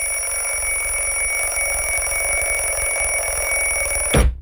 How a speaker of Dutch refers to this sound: Ik ben altijd zo klaar mee met die fucking wekker. Dat is toch zo'n kut manier om wakker te worden. Het allerliefst wordt je gewoon 5 minuten voor je wekker wakker. Dan ben je een beetje helder van geest op het moment dat die afgaat.